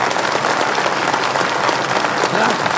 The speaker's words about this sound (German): die Leute mochten es. Es war ein Erfolg. Hör nur, wie sie jubeln.